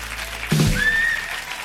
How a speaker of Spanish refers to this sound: Muy bien, bravo, aplausos.